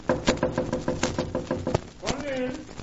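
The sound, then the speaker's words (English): A quick, steady run of roughly a dozen knocks on a door, evenly spaced and fairly loud, ending with a sharper rap before a voice begins speaking. “I'm going to knock.”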